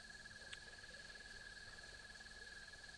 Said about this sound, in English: We're listening on the internet. We're listening to crickets over the internet. And sometimes they just, the stream just stops. There we go.